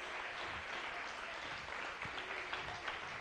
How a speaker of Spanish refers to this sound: Dale un aplauso. Aleluya. Gloria a Dios.